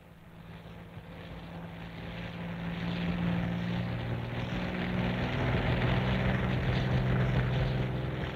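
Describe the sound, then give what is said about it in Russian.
A propeller airplane at a forest pasture drones steadily, its low humming tones wavering slightly as the roar gradually swells louder over several seconds, with no voices present. “Сквозь кустарник на лесном выпасе зачернел самолет.”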